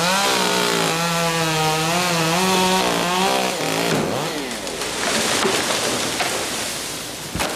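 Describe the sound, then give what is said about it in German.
A chainsaw whines and revs loudly as trees are being cut down, its pitch rising and falling as it cuts, then gives way to a dense crackling crash as a tree breaks down into the undergrowth. “Bäume krachen ins Unterholz, der Lärm der Kettensägen dominiert die Wahrnehmung.”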